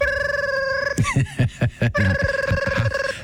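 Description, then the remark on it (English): A novelty telephone shaped like a Cleveland Browns football rings with a steady, buzzy electronic warble of rapid pulses, broken midway by a few choppy low bursts before the trilling ring resumes. “What was that, like one of those Sports Illustrated giveaway phones from the 1980s?”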